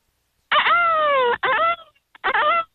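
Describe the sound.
A person on a phone call imitates a peacock call: three loud, high, nasal wails, the first long and slightly falling in pitch, followed by two shorter cries after brief breaks.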